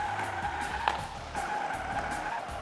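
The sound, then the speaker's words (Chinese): A remote-controlled model car whirs steadily as it drives at a speed of 3 to 5 and turns, in a test simulating a damp or wet underground garage, its high-pitched motor hum holding constant with a faint tire squeak partway through, without any talking. “好的，小汽车已经出发，现在是3到5码的速度，我们来一个转弯。”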